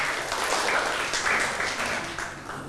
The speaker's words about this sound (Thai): กลุ่มที่5ปรบมือให้กลุ่มที่5ก่อนนะครับ